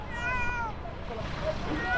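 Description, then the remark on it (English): A small cat found underneath rubble meows twice, a drawn-out high cry followed by a shorter one, heard over a steady bed of outdoor noise and faint murmuring voices. “A small cat has been found underneath the rubble where others were not so lucky.”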